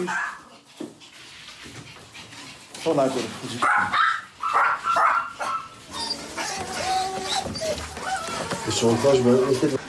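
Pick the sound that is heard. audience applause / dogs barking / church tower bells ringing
dogs barking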